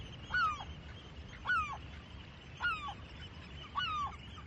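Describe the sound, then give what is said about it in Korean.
Four harsh, downward-sliding slaty-backed gull calls repeat at a steady pace, about one per second, each loud and nasal over a low, constant background rumble, with no voices. “제갈매기는 그런 사정을 누구보다도 잘 압니다.”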